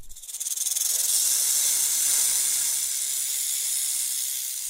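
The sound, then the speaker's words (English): A snake's hiss, steady and sharp, swelling within the first second and then holding as a continuous breathy rasp, fairly loud, with no voices. “And hikers urged to watch out for snakes in forests as sunshine returns.”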